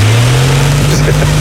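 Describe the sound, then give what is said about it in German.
An electric fan blowing cool air runs steadily, a loud continuous low motor hum that creeps slightly upward in pitch over a broad airy whoosh, with no voices. “Na, läuft der Ventilator?”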